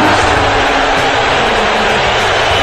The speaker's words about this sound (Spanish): Pues no está mal el abucheo, ¿eh? Un abucheo atronador.